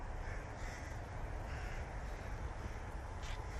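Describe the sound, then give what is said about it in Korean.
A few short caws from a jackdaw, a bird about 10 cm shorter than a rook, ring out over a steady wash of outdoor background noise, with no one talking. “갈까마귀는 몸 길이가 때까마귀보다 10cm 정도 작은데요.”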